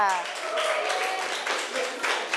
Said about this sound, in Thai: ดีมากค่ะเอาปรบมือดังๆให้กลุ่มที่5ค่ะ